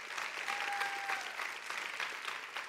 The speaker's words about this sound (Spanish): Vamos, denle un fuerte aplauso al Señor, iglesia.